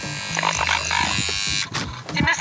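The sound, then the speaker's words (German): A steady electric door buzzer at a home in Scheuben-Grobsdorf, Thuringia, Germany, drones for about a second and a half, a harsh, loud rasping hum, then cuts off into the clatter of a door being pushed open. “Wir sind in Scheuben-Grobsdorf angekommen und klingeln”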